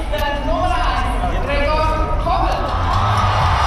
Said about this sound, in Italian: Ed ecco così arrivare sul palco il portiere Gregor Kobel. Lunghi applausi per ogni giocatore che si presenta.